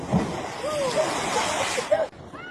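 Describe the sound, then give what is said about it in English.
Water sloshes and rushes steadily in a strong tidal current at a jetty in Roebuck Bay, a continuous loud wash that cuts off abruptly near the end, with faint voices in the background. “Look how strong the current is.”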